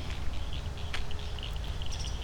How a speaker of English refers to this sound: Wow, listen to these frogs. There's a big one. Is he the one making noise? Is he just listening to the others? Frog chorus.